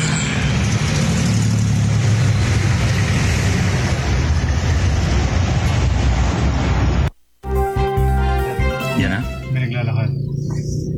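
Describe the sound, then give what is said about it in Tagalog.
A steady, loud engine rumble heard from inside a vehicle, with a dense low drone for about seven seconds before it cuts abruptly and muffled voices and other interior sounds follow. “Sa loob na sasakyan ito.”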